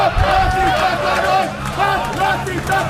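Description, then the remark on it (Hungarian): A large crowd of protesters against battery factories and Semcorp's pollution chants loudly in unison, repeatedly demanding the departure of László Papp, many voices blending into a steady, rhythmic roar with repeated rising and falling phrases throughout. “A tüntetők többször is Papp László távozását követelve skandáltak.”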